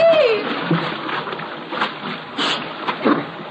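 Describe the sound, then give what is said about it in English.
A short creaking groan as a rope bridge collapses gives way to a rush of splashing and churning water, with several sloshing bursts of varying loudness as it plunges into a river. “the bridge is collapsing.”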